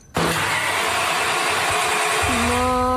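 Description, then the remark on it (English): A car engine cranks without catching, kicking in abruptly as a loud mechanical whirring drone that holds steady for a few seconds, then shifts upward in pitch near the end. “Why is the car not working?”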